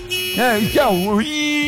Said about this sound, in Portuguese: Essa foi demais. É, falei farol, o cara põe a buzina.